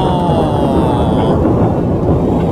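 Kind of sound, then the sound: nature, thunder clap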